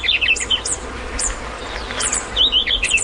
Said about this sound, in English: wren chicks learn their mother's song and incorporate the password note into their begging calls